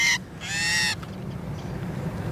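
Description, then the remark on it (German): A female starling, held by a researcher in a small tube made from a toilet-paper roll on a sensitive scale for weighing, gives a brief harsh squawk, then a longer, loud, raspy distress call, followed by quiet low background rumble. “Jetzt ist die Geduld der Starin dahin.”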